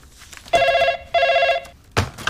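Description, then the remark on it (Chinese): A telephone rings in two short, buzzy warbling bursts of about half a second each with a brief gap, followed by a sharp click or noise as it stops. “给你妈打电话，让她中午过来吃包子啊。”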